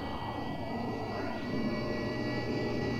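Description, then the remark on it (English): A furnace runs with a steady, low mechanical hum, droning evenly with a broad rumble and faint tonal whine, no speech, constant level throughout. “Like the hum of the furnace.”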